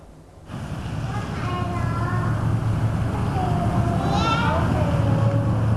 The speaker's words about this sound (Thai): นี่นะคะก็คือลมนั่นเองค่ะซึ่งเป็นเสียงปริศนาที่เด็กๆได้ฟังเมื่อสักครู่นี้